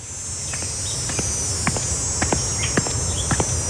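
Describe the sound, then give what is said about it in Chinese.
A steady, high-pitched drone of cicadas in the June midsummer fills the background without pause, with a few scattered soft clicks and taps over it. No one speaks. “蝉鸣漫过六月的盛夏”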